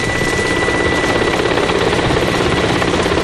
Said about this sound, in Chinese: 直升飞机到了。